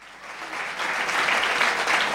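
A short applause sound effect on Radio Universal San Lorenzo, dense crackling hand claps that swell louder after the first moment and hold steady for about two seconds, with no one speaking.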